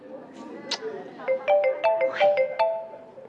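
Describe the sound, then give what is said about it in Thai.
A phone ringtone for an unanswered incoming call plays a bright electronic melody of short, rapid notes that step up and down in pitch, fairly loud and repeating, after a brief murmur at the start. “โอ๊ยทำไมไม่รับสายเนี่ยเป็นอะไรไปหรือเปล่าอ่ะ ตอนนั้นก็กะว่าจะไม่รับคิดว่าจะดัดนิสัยคนใจร้อนเจ้าอารมณ์ซะหน่อย”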